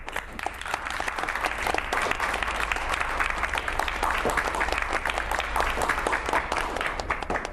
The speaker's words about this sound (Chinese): 我提议，下面我们用热烈的掌声来祝贺陶无忌、陈家园。